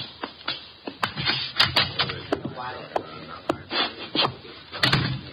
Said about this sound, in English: The door, Chuck. Okay.